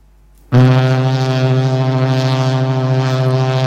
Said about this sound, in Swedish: Och är frågan fel så hör ni den här tonen.